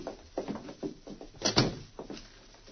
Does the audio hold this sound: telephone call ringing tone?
no